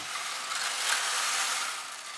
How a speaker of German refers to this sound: Da ist Kieselstein und das ist ja quasi wie eine Waschmaschine. Und wenn das sich umdreht, klingt das wie Regen unten in der Kirche.